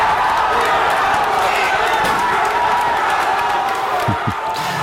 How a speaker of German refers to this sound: Deutschland hatte schon 2 Elfer verschossen, ist dann dank Manuel Neuer zurückgekommen und konnte ausgleichen. Und in dem Moment war am Saarbrücker Osthafen hier, wo viele Fans das Spiel geguckt haben, der Jubel natürlich auch riesig gewesen.